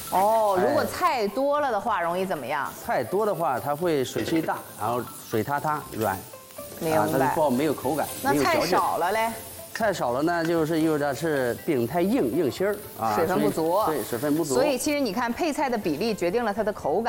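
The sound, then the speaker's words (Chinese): Vegetables, including button mushrooms, carrots and cabbage with scallions, sizzle steadily as they're stir-fried in a wok, a continuous hiss running beneath people talking throughout, with the voices louder than the frying. “加入配菜啊， 口蘑啊， 刚才我们说到的铜元素的来源， 把它煸炒一下。”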